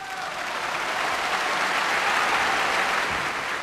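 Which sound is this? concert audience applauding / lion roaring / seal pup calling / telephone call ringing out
concert audience applauding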